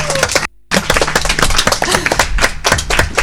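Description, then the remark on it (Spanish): A crowd at a live Radio Palencia broadcast in Hornillos de Cerrato applauds local young people with dense, crackling claps, loud and steady, broken by a brief gap of near silence early on before the clapping resumes. “Un aplauso para ellos, ¿no? Un aplauso.”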